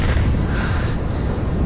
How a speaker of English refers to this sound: Is that thunder? Avalanche, maybe? I'm not sure.